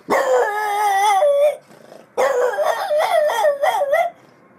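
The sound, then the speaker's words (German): Dogs locked in their hut howl loudly on hearing their master's calling voice, in two long, wavering bursts, the second broken by rising yelps and barks, with a brief pause between them and no talking. “Als die Hunde die rufende Stimme ihres Herrn hörten, waren sie in ihrer Hütte eingesperrt und es war niemand da, der sie hätte befreien können.”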